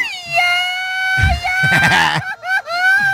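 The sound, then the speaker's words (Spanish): A man lets out a long, high-pitched yell, held steady for about three seconds with a wavering, cry-like tone and a few rougher bursts, loud. “Señor productor, échate un grito por ahí.”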